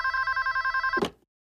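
A telephone bell rings with a rapid, steady trill for about a second, clear, then cuts off abruptly with a clunk as if the receiver is picked up.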